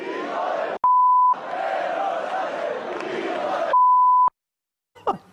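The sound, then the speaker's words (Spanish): Two loud, steady censorship bleeps, one short and one slightly longer, cut into a noisy stretch of several people shouting over each other, with a brief voice at the end; the bleeps are used because of the protected broadcast time slot. “Bueno, lo del pitido es porque estamos en horario protegido.”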